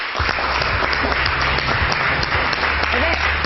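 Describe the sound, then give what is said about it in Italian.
Steady audience applause welcoming a female guest, a model and entrepreneur, fills the whole stretch: dense, overlapping clapping at an even, loud level, with a faint murmur of voices underneath. “Prego Elsa, applausi a non finire per questa donna di eccezionale valore.”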